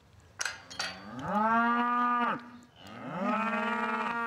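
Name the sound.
cow mooing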